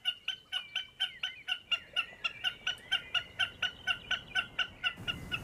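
A common snipe calling with its true voice, as it does sitting on top of a post: a steady, rapid series of repeated chipping, clucking notes, roughly four per second, mid-to-high pitched and fairly loud, continuing without pause and with no talking.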